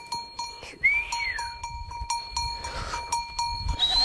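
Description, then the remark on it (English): On the northern Xizang Plateau, over 4,500 meters above sea level, a flock of livestock moves along, bells clanking in a steady, irregular jangle, with occasional bleats, a sweeping high whistle from a young boy swinging a rope to guide the flock, and a rumble of hooves and shuffling underneath. “A young boy whistles as he swings a rope, guiding the flock forward.”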